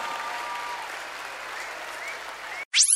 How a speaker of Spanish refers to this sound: Gracias. Gracias, amigos. Fuertes aplausos. ¡Feliz cumpleaños! Grandes maestros. Fuertes aplausos para los fundamentalistas del aire acondicionado.